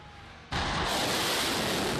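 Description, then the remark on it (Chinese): Air defense fire on Qeshm Island in southern Iran, in the evening, bursts in abruptly after a short, quieter stretch, becoming a loud, continuous, harsh roar that holds steady to the end with no voices. “伊朗媒体报道，南部戈什姆岛的防空系统当地时间三日傍晚两度启动，岛上多处可听到相关声响。”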